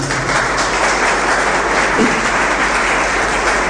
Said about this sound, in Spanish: ¿Cuántos le pueden dar un aplauso fuerte al Señor?